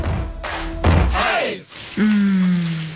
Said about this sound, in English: Shower time.